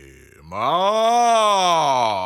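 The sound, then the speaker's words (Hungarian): A human voice imitates a pig grunting impatiently with one long, drawn-out groaning grunt that rises and falls in pitch, loud, after a brief quiet start. “A disznó türelmetlenül röfögi.”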